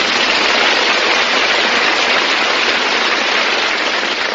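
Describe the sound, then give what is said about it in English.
Loud, dense applause from many hands, a steady unbroken wash of clapping that holds at the same level for over four seconds with no voices. “You open the door and the neighbors applaud.”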